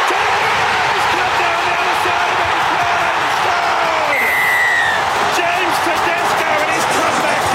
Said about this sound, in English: Plenty of screaming there on Nine. The Blues storming back from 20-0 down.